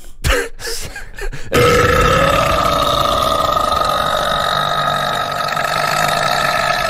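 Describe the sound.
A voice imitates a long, loud burp of an old man walking past: a few short rough bursts, then one sustained, croaking belch that drones on for several seconds, with no other talking.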